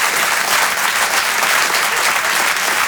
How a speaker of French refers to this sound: On peut l'applaudir très fort, Maxime Gasteuil, sur les chansons. En direct depuis le grand point virgule.